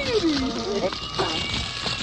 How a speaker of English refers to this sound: kitty here somewhere. We're trying to find the kitty.